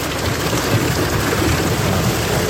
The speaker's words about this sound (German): Es hat ordentlich runtergehauen. Richtig fette Hagelkörner, teilweise Sturm mit dabei. Unwetter in der Nacht über Thüringen.